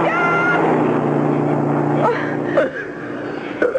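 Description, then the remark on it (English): A car approaching on a road: its engine drones steadily, a loud low hum that holds throughout with a few brief sharper sounds near the end. “I hear a car coming.”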